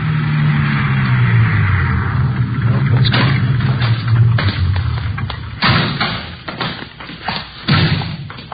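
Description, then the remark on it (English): A car engine rumbles low and steady for a few seconds while driving out to an address in the West Hollywood area, then gives way to a run of sharp, heavy thumps and knocks over a lingering motor drone. “we drove out to the address given us by Fred Norris.”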